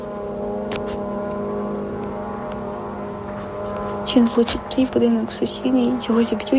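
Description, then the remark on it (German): A Shahed drone's engine drones steadily with a buzzing, tonal hum as it flies directly toward a residential block, holding for the whole clip, and voices start talking over it partway through. “Du hörst, wie die Shahed-Drohne direkt auf deinen Block zufliegt.”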